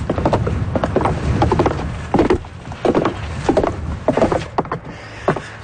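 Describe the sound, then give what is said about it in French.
Footsteps climbing a long wooden staircase up a hill to Cape Spear, a steady series of hollow thuds and creaks repeating about once every half second, with wind or outdoor rumble underneath and no talking. “Là, on monte un long escalier de bois pour aller au Cap Spears.”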